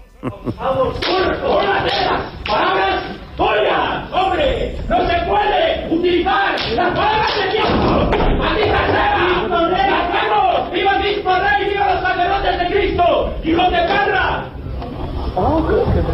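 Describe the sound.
A theatre audience at a performance erupts in loud commotion after an incident, many voices shouting and clamoring at once, with sharp claps and smacks mixed in, sustained for about fifteen seconds before easing slightly near the end; at the end the audience applauds the actors, who stayed on stage unperturbed.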